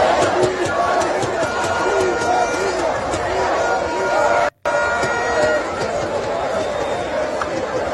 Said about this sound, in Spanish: El sonido de la fiesta, de la celebración anoche en la Puerta de Jerez de Sevilla.